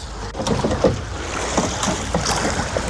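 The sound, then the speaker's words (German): Oars of a two-person para-rowing boat dip and pull through water in a steady series of strokes, each a short splashing swish, over a constant rush of water and wind, with no voices. “Dabei gibt's ein ausgeklügeltes System. Freier sieht und macht die Ansagen. 5 Schläge normal, Rücklage und los.”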